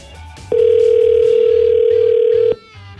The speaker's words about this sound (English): So let's see how the phone lines are looking this morning as we try to ring up a Yukoner.